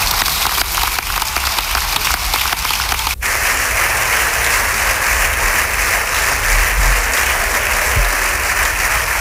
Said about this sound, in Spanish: Aplausos también de la bancada del Partido Socialista a la intervención del presidente, gracias, señor presidente del Gobierno.